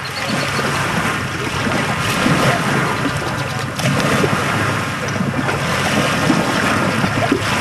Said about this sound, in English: The waves lap at Huntington Beach.